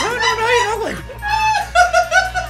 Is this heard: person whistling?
no